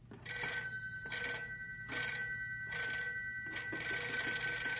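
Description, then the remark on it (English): A telephone bell rings loudly in a steady series of shrill, metallic bursts, with no voices. “that must be Ted. He said he'd phone if they found anything.”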